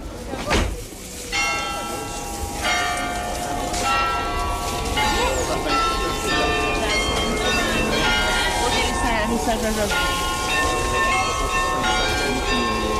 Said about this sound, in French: Moi, pour travailler au pied du Beffroi, je ne regarde pas ma montre, j'écoute, j'entends les ritournelles, j'entends les cloches sonner, les heures, sonner les demi-heures.